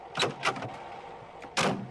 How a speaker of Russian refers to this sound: гаража выезжает машина Лёлика.